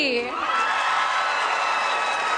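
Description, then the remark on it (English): A crowd at the 159th Canada Day celebration cheers and whoops loudly for performers, a dense wash of shouting voices that holds steady for a couple of seconds with a few higher yells rising at the start. “First of all, can we hear it for Naomi and Toby?”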